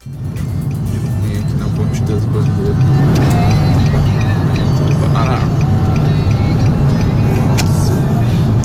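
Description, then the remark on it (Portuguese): Heavy, stopped road traffic of cars and trucks on the express lanes of the Marginal do Rio Pinheiros toward Interlagos, by the Jockey wall: a steady, loud, low engine rumble that never lets up, with occasional higher whooshes of passing vehicles and faint, indistinct voices mixed in. “Tá bem baixinho o áudio dele, mas ele mostra praticamente uma fila gigante de caminhões, de carros que estão ali indo na pista expressa, né, da marginal do Rio Pinheiros, e tudo muito parado.”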